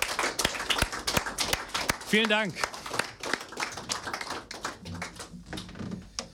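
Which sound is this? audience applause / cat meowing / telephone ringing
audience applause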